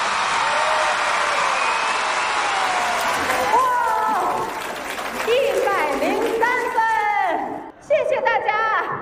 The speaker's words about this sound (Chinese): 好，来，喜欢我们梦马队第一轮逐梦少年现代马术的，准备好你们的掌声、呐喊声，来，一、二、三，走！